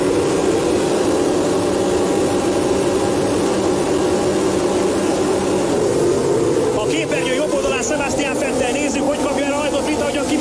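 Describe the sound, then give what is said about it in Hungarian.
Formula 1 cars roar off the start of the 2017 Hungarian Grand Prix: a loud, steady engine drone builds, then several high, whining engine notes climb and overlap in rising sweeps as the cars accelerate away. “Kedves nézőink, kapcsolják be biztonsági öveiket, mert néhány másodperc múlva elrajtol a 2017-es Forma 1-es Magyar Nagydíj.”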